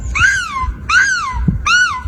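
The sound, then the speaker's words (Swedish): A contestant dressed as a seagull at the European Championship in seagull screaming imitates a seagull's scream in three loud, strained, high-pitched calls, each a harmonic rising-then-falling wail, over a low background rumble. “Men sen är det också 25% kostym, så att de här jepparna som håller på med EM i måsskrik är alltså utklädda till måsar, och sen låter de så här då.”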